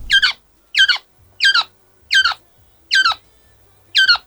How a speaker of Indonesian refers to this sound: Seekor burung koak tertangkap, terkena jerat mereka.